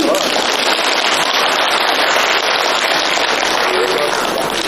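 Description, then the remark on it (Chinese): A crowd applauds loudly and steadily, the dense clatter of many hands clapping holding at an even level for the whole stretch without fading. “其实您不用鼓掌，我们都是死词儿啊。”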